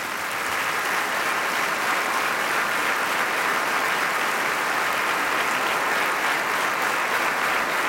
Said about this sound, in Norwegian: Som dere hører, ingen stillhet, men applaus for kongen.